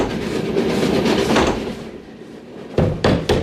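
Steady rumble of a moving train, then a compartment door bangs shut with three sharp knocks in quick succession near the end.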